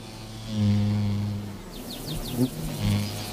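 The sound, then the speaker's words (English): Bees buzz around pussy willow catkins in a low, steady drone that swells and fades as they pass, with a few faint, quick high chirps in the background. “Each tree has either male or female flowers, so they depend on bees and butterflies to carry the pollen between them.”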